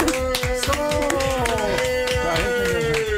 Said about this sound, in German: Können wir das noch einmal hören? Können wir bitte einmal alle klatschen